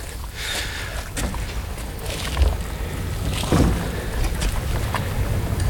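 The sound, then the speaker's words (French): A steady outdoor wash of light wind buffets the microphone with low rumbling gusts, mixed with faint water and boat sounds; no one speaks. “Il y a un peu de vent.”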